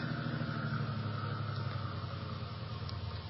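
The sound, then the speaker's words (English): A car engine runs with a steady low rumble and droning hum, easing down slightly toward the end as the car slows and stops on a curving road beside a cliff. No voices. “All right, cut your engine.”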